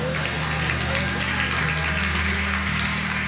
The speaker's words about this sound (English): Are you with me? I've got three hand claps or whatever.